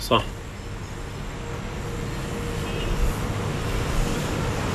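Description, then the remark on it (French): A steady low rumble of traffic around the central square in Idlib, with engines droning and a brief clatter at the start, the noise staying fairly constant throughout. “On est sur la place centrale. Il y a pas mal de circulation autour de nous.”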